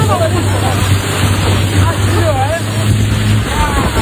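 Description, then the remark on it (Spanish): A small motorboat's engine drones steadily as it speeds up on the water in Botswana to get away from a hippopotamus, a low continuous hum under rushing wind and splashing spray, with faint voices mixed into the noise. “Imagínate que estás tranquilamente de vacaciones en Botswana, navegando, y que una pequeña, que estás en una pequeña lancha cuando de repente tu guía te dice: agárrate, que tenemos que acelerar, que viene un hipopótamo.”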